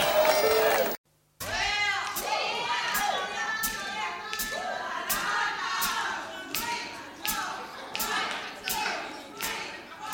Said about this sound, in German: Applaus der Geiger.